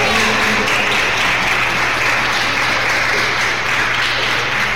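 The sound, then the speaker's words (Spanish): A crowd applauds for Jesus, a dense wash of many hands clapping at once, loud and sustained with a low hum underneath, with no voices standing out. “Un aplauso para Jesús.”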